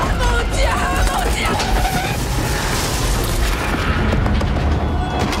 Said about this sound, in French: En tout cas, Disclosure Day, c'est quand même 2h30 de spectacle, une scène de carambolage de train-voiture assez dingue, également extrait.